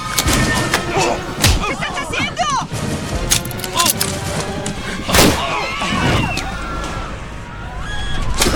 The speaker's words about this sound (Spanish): Tiros afuera de la cabina. Necesito descender.